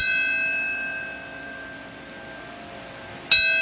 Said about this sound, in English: We have sounds from today. What comes to mind when you hear those bells?